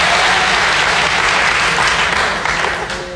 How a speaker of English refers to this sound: Non-smokers. By round of applause, let's hear non-smokers.